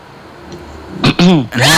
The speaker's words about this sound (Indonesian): Tapi sebelum kita lanjut, kayaknya ada batuk yang mau datang. Enggak, bukan kamu. Coba deh. Coba kita dengerin dulu.